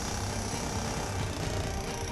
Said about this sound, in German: Wir sägen hier so ein paar Bretter weg. Der Verletzte ist ja eingeklemmt.